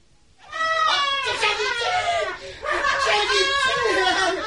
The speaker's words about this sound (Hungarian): Szentséges uram, mi ez a sikítás?